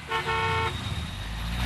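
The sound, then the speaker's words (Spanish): A car horn blares in a short double honk, a quick tap then a longer sustained blast, loud over a low rumble of engine and traffic noise. “Eso de andarte durmiendo en el tráfico.”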